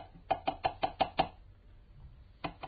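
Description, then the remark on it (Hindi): A quick series of six sharp knocks on a door, evenly spaced, followed by a pause and one more knock; fairly loud, with no voices. “दरवाजा खुला है, आओ।”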